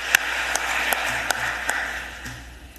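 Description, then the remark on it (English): People in the Philadelphia City Council chamber applaud domestic violence survivors after a resolution declaring October 2026 Domestic Violence Awareness Month, a steady wash of clapping with a few sharper individual claps standing out, with no talking. “Can we clap for the survivors, please?”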